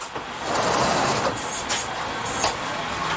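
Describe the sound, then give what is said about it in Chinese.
A passenger train in Switzerland rolls steadily along the rails with a constant, fairly loud rumble, broken by a few brief hissing bursts. Nobody speaks. “火车是瑞士人最喜欢的交通工具，虽然国土不大，但是还是有5000多公里的铁路网。”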